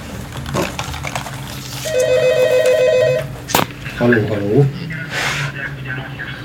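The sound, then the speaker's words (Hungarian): A telephone rings once in a warbling electronic trill lasting about a second and a half, fairly loud, with brief mumbled voices and background noise before and after. “Telefon.”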